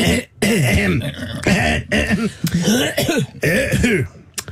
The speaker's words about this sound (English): Sorry, clearing my throat.